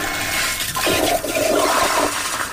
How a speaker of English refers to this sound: The toilets flush using motion sensor technology as well.